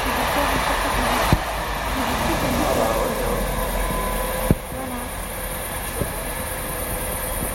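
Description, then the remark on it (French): A train passes by in the street, a steady heavy rumble with a thin metallic whine and a few sharp clanks from the wheels on the rails. “Non, mais c'est les trains qui passent dans la rue.”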